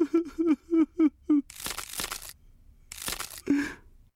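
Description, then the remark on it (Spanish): A series of short, pitched creaks gives way to two loud, harsh bursts of cracking and crunching, like stone splitting apart, then a final creak, coming from deep inside the chest of the prince's statue. No one speaks. “Y un crujido salió de lo más profundo de su pecho.”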